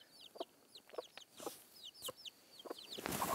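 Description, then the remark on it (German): A hen on a farm clucks in short, repeated bursts, with faint high chirps from other birds in the background and no talking. “Au, du blöde Henne, du.”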